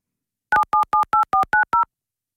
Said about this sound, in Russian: попробуем еще раз, друзья, набрать телефон Егора